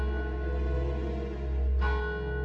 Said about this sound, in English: Far, far away, I could hear church bells or death bells. Was it real? Was it my imagination?